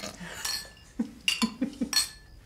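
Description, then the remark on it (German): Dishes being washed, with a series of sharp metallic clinks of cutlery against plates, irregular and bright, over a soft background of running water and kitchen noise. “Früher wäre dir das im Traum nicht eingefallen. Was? Naja, Geschirr abwaschen, kochen.”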